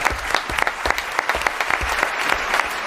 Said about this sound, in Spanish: aplauso para Rafael, a nuestro oyente.